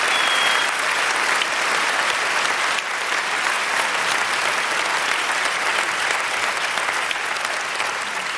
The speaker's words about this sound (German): Bitte nochmal einen großen Applaus für unser wunderbares Orchester, das Saarländische Staatsorchester unter Wolfgang Emanuel Schmidt.